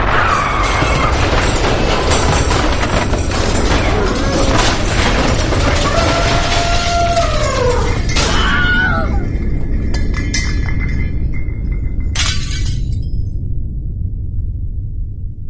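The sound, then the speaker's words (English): A colliding black holes sound effect by Science-y Stuff Productions, played on speakers: a loud, unbroken roaring rumble with gliding whistle-like tones sweeping up and down, thinning into a hiss with a steady high tone and a brief burst. “Science-y Stuff Productions presents Colliding Black Holes.”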